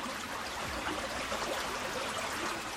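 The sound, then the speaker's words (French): A babbling stream of flowing water, a steady, even gurgle and rush that continues without pause, moderately quiet, with no voices. “Plus loin, il arrive à un ruisseau.”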